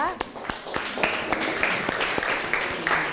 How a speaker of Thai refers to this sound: โอ้ขอเสียงปรบมือให้กับกลุ่มที่1ของเราด้วยนะคะ